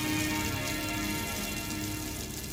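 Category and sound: nature, heavy rain shower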